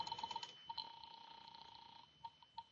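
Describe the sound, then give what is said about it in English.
A telephone being dialed to call a landlady: quick bursts of faint clicks, then a steady electronic tone, then a few more clicks. Quiet, with no voices. “I'll phone the landlady.”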